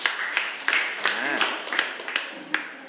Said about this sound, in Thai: ขอเสียงปรบมือให้กับกลุ่มที่4หน่อยนะครับ